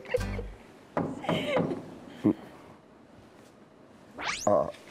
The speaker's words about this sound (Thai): แม่ใครมาเคาะประตูครับเนี่ย